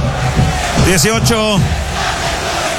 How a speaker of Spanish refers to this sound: Grita la gente, canta, apoya a Curicó en este partido muy difícil.